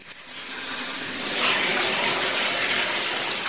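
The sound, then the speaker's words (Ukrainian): A tap runs steadily into a bathtub, a continuous rushing of water that swells slightly louder partway through as the tub fills. “Прослідкуй, коли набереться повна ванна води.”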